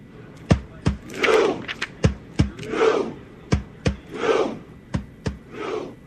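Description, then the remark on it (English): Thousands of Norwegian soccer fans in red jerseys and horned helmets, packed on the Red Steps in Times Square, New York City, chant in unison in their synchronized Viking rowing chant, sitting down together: a steady rhythm of sharp collective claps or thuds alternating with loud drawn-out group shouts, repeated several times. “Clad in red jerseys and horned helmets, the massive crowd packed the famous Red Steps, sitting down in unison to perform their iconic synchronized Viking row chant during the landmark into a giant human rowboat.”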